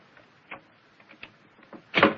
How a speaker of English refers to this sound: Is the door locked? Yes, but I think the skeleton key will do the trick.